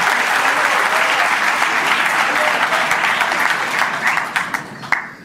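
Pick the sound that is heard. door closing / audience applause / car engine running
audience applause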